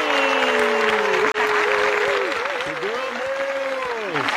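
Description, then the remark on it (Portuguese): A loud, sustained burst of crowd applause in a studio, welcoming a four-vocalist soul, pop and worship music group, dense and steady for several seconds with a brief break, with voices cheering and calling out over the clapping. “Vamos receber eles então, minha gente, com aquela calorosa salva de palmas”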